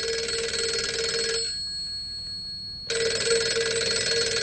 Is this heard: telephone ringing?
yes